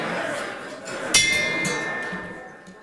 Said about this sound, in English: but I do the gong first.